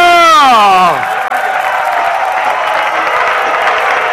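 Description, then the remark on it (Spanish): A crowd breaks into loud, sustained applause and cheering for Jesus of Nazareth, called 'our elder brother', starting right after a rising-then-falling vocal shout or whoop in the first second, then holding steady as a dense wash of clapping. “Un aplauso para nuestro hermano mayor, que nos cruzará el cementerio.”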